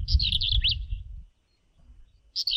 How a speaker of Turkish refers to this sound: Ötüşü gıcırtılı plit hecesiyle başlıyor ve bunu bilmiyordum sıkça kırlangıç ve ebabili taklit ediyormuş.